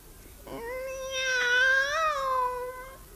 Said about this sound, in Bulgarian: Тя не е обикновена котка. Погледни я в очите. Интересно. Едното е око синьо, другото черно.